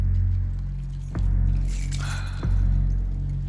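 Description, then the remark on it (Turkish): A short, bright jangle of van keys rattling together midway through as they are handed over, bracketed by a couple of soft thumps over a steady low rumble; no one speaks. “Kamyonetinin anahtarlarını bana ver.”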